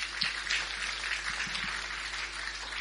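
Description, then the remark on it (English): Crowd applause welcoming distinguished guests, including the Honorable Nadia Clancy, MP. A steady wash of many hands clapping with no break, fairly quiet overall and with no one talking over it. “Big round of applause.”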